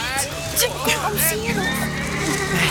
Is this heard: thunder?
no